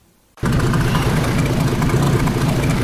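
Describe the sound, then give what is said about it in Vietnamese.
After a brief hush, a fishing boat's engine cuts in abruptly with a loud, steady low rumble and throbbing drone, a broad hiss of sea waves washing beneath it, with no voices, at Đề Di fishing port, Gia Lai province, Vietnam. “Tiếng sóng biển hòa cùng tiếng máy tàu tại khu vực cảng cá Đề Di, tỉnh Gia Lai.”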